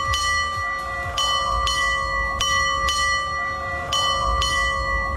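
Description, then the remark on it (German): A ship's bell rings nine strokes, four double strokes and one single, marking 8:30 as on old sailing ships; each double clang leaves a bright, lingering metallic tone before the next pair. Loud, with no talking. “Ja, 4 Doppelschläge und ein Einzelner. Also 9 Glockenschläge insgesamt. So wusste man früher auf dem Segelschiff, dass es jetzt gerade 8:30 ist.”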